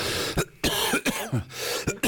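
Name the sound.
coughing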